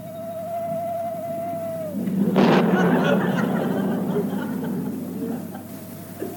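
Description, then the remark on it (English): A drawn-out owl hoot is followed by a sudden crack of thunder that rolls on as a long, loud rumble, with a faint hoot returning near the end. No one speaks. “Hear that? Owl hoot and a thunderstorm.”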